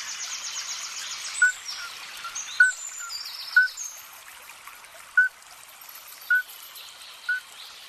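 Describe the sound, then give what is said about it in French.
A male midwife toad, an amphibian barely 5 cm long, gives short, pure, bell-like peeps as a mating call while competing with other males, about six of them spaced roughly a second apart, clear against a soft background of trickling water and faint bird chirps. “Si vous entendez ce petit chant lors d'une douce soirée printanière autour de chez vous, cela ne vient pas d'un quelconque oiseau ou encore moins d'un insecte.”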